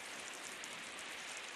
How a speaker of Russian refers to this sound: Держит чашку под каплями дождя.